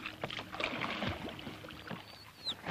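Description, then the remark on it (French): A nightingale gives a few short, clear whistling notes near the end, rising over steady lapping water and the soft splash of paddling. “Écoutez l'oiseau. C'est un rossignol.”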